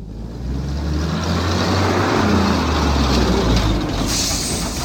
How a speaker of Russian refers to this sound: Долго выруливал в узкие ворота, сотрясая теплый застоявшийся воздух гулом зиловского мотора.